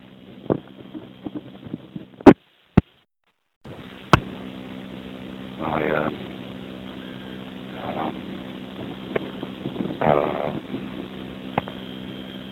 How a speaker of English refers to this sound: so walking around on a very windy morning, windy afternoon